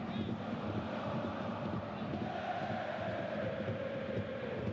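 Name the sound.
football stadium crowd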